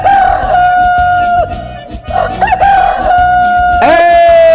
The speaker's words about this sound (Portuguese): Bonito cantar do galo, só que o nosso galo tá meio atrasado, né?